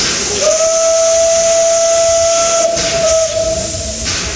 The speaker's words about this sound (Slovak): dnes vrátil historický parný vlak, ktorý viedol parný Ozubnicový Rušeň z roku 1908.